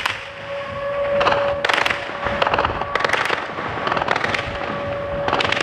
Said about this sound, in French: En plein jour, hier, un drone ukrainien passe à basse altitude au-dessus du port. Les défenses antiaériennes ne le touchent pas